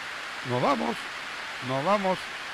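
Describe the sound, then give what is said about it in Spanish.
Heavy, torrential rain hisses in a steady, dense wash throughout, soaking the people outdoors during a radio broadcast, while a voice speaks two short phrases over it. “La lluvia es torrencial, fuerte, y nos está mojando.”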